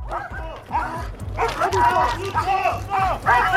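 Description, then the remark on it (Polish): Several police and Railway Protection Guard patrol dogs bark repeatedly during a training exercise on the railway in Łódź, with loud overlapping barks in quick irregular bursts and some yipping and whining mixed in. “W szkoleniu uczestniczyły również psy Straży Ochrony Kolei.”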